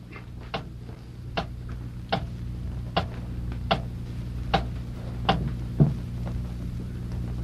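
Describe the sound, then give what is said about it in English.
A clock ticks steadily, about nine even ticks at a slow, regular pace, heard clear over a faint low hum, with no one speaking. “Hey, the clock has stopped.”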